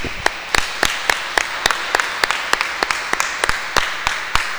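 An audience applauds, with a steady wash of many hands clapping and sharp, evenly spaced loud claps standing out in a brisk rhythm throughout, with no voices.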